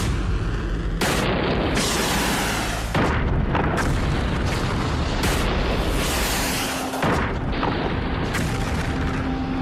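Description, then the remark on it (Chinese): A loud, roaring missile launch boom with several heavy blasts rumbling one after another, a continuous deep, noisy roar filling the whole stretch, powerful, with no voices. “导弹遥测工作正常， 发射。”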